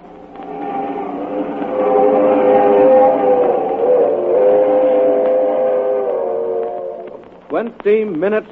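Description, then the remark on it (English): The Silver Clipper, the streamliner of the West Coast Railroad, rushes through the dark at 80 miles an hour up the Rockies toward the crossing at San Joaquin, its loud horn holding a steady, chord-like wail for several seconds before cutting off, followed by a brief burst of voice. “The crack streamliner of the West Coast Railroad rushes through the dark at 80 miles an hour, destined for a watery grave at the bottom of Schooner Canyon Lake.”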